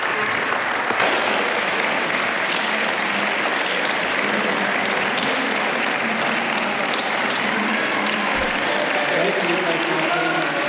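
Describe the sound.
Sustained applause from a large group in the Senate chamber after a speech fills the whole clip, a dense steady clatter of many hands clapping at even loudness, with a murmur of voices underneath.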